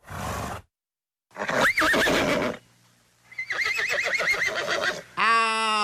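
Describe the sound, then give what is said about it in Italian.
A horse neighs loudly several times, with shrill, quavering whinnies broken by short pauses, and a final high, rising-and-falling whinny. “Se scegliamo il nitrito del cavallo, sembra che stiamo chiamando solo te.”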